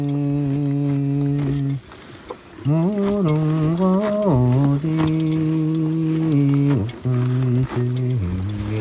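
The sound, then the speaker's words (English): Light metallic jangling of tack on horses grazing on grass, scattered and intermittent, sits beneath a man singing long, sustained wordless notes, with a soft airy background of gently blowing wind. “The horses have their tack jangling as they eat grass, and the wind is gently blowing, and we're just watching this herd of animals.”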